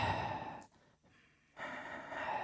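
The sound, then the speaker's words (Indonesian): A person demonstrates breath flowing out: a breathy exhalation with broad airy noise, broken by a brief pause, then a second long outward breath. “Nafasnya lancar. Ya, nafasnya keluar.”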